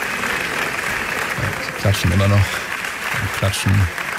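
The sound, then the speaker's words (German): Sustained applause from a large film festival audience at the Venice Film Festival after a film screening, a steady wash of clapping throughout, with brief voices or cheers breaking through at moments. “Wir hören mal eben rein, ob der Applaus für die Vorführung des Films The Echo Chamber noch anhält.”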